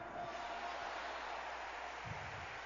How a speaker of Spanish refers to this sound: Dale ese aplauso al Rey de Reyes. A su nombre.